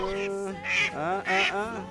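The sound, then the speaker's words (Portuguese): Saracura wood rails, going to bathe, call loudly, a raucous, honking run of harsh notes rising in two strong bursts over a steady nasal drone. “Ah, e as saracuras indo banhar? Querem mais chuvas, danadinha, né?”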